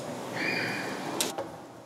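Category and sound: household object, door being opened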